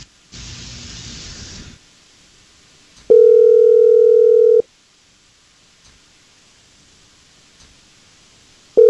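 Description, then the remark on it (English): A phone line rings out on the caller's end during a call placed live on the radio: a brief burst of static hiss, then a steady electronic ring tone for over a second, a long silent pause, and the next ring starting. “I just need you quiet on the phone while we give her a call, okay?”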